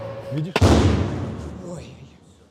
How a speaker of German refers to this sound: Diese Drohne hat ihr Ziel verfehlt. Ihre Sprengladung ist trotzdem explodiert.